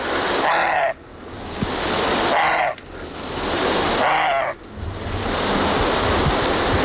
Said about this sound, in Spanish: Es la ladra del corzo. Ah, vale, ya lo sabía, ¿eh? Pero sí que me suena un poco a perro también.